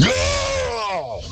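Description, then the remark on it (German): A single loud, sustained vocal scream from a metal song, held for over a second with a strained, gritty tone, its pitch sagging slowly downward before it breaks off. “Noch ein Schrei dabei am Ende.”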